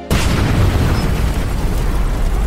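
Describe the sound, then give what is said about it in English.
An oil vapor explosion, ignited by a spark from the electric motor of an oil-lubricated honing machine being run, bursts in abruptly and loudly, then holds as a dense, rumbling roar with heavy low end for a couple of seconds, with no voices present. “A month later, I was running the oil-lubricated honing machine when a spark from the electric motor ignited the oil vapor.”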